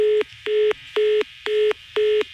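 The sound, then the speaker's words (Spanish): A telephone line beeps after a hang-up: five loud, evenly spaced electronic tones pulse about twice per second, steady, with no voices. “Esa colgada de teléfono y una mentada de madre es lo mismo.”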